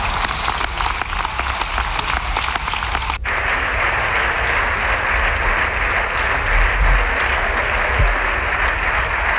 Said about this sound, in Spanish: Aplausos también de la bancada del Partido Socialista